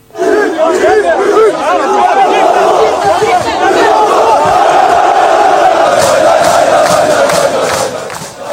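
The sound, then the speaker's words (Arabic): A dense crowd of Trabzonspor football fans, heard in a video, chants and shouts together as they welcome Salah, who chants with them. The chanting is loud and continuous, with overlapping voices forming a rhythmic roar that swells slightly toward the end with bursts of cheering. “كذلك انتشر فيديو لمشجعي نادي طرابزونسبور يرحبون بصلاح الذي بدلهم التحية وكان يهتف معهم ويجلس على الأرض ويقف وسط الجماهير التي احتجدت حوله.”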